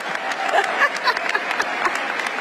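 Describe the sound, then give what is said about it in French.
A crowd at a University of California graduation ceremony applauds tennis player Billie Jean King steadily, many hands clapping in a dense, continuous patter with no pauses, holding an even level throughout with no one speaking. “Toujours très en forme et applaudie, elle est d'ailleurs venue à la cérémonie avec sa raquette et quelques balles de tennis.”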